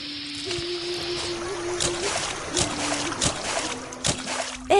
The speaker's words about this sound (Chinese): 兄台等等，头先呢，你行过嗰条小溪，步步都水花四溅，啲水声咁大啊！